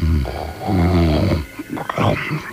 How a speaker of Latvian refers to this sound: Jā, vienā istabā gulēja kāds onkulītis un tik skaļi krāca, kā rozīgais kamielēns noturē viņu par lauvu un stipri izbijās.